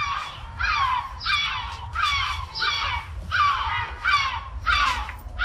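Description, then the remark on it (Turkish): A yellow-legged gull (Gümüş Martı) calls repeatedly in a steady series of loud, harsh, descending squawks, about six close calls in a row, with a low rumble of background noise underneath and no talking. “İzmir'de de 3. sırada Gümüş Martı ve İzmir.”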